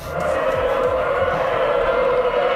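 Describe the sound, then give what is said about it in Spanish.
Traineras (rowing boats) in free training sessions at Euskarrin, oars against the water and hulls sliding through the sea, heard as a steady, loud droning rush with a faint rhythmic pulsing underneath, almost like an engine hum, with no talking. “que no, que es el roce. Remo contra agua, casco contra deslizándose contra el mar.”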